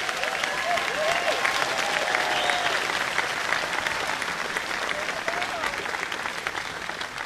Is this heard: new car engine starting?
no